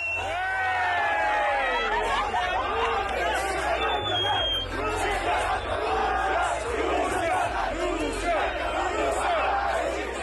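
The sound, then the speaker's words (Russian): A large crowd in a World Cup fan zone in Mexico chants 'Russia' and shouts together as a Russian fan is tossed up in their arms, many voices overlapping in a loud, continuous roar over a steady low rumble, with individual cries rising above the mass now and then. “В Мексике одного из них, как передавал чемпионат, качали на руках в фан-зоне под крики «Россия».”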